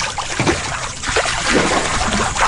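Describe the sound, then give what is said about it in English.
Warm water sloshes and splashes in a hot tub, a steady churn with small irregular splatters and trickles rising and falling over a couple of seconds, with no voices. “And that's why we're in the hot tub.”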